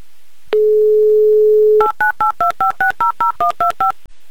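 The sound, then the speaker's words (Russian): A steady dial tone hums for about a second and a half, then a quick run of eleven or so dual-tone keypad beeps punches out a phone number in an even, rapid rhythm, as Humor FM radio hosts call a listener in Krasnogorsk live on air. “Звоним.”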